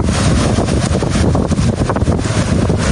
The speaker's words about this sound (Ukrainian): Вітер, пили, полум'я зливаються в одну нищівну силу. Такого смерчу я в Україні точно ще не бачила.